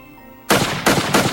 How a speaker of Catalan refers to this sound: Bé, després de 45 minuts a l'aire, l'home havia recorregut 16 quilòmetres i va decidir, a part de que us he comentat, agafar el rifle d'aire comprimit que tenia per disparar un parell de globus.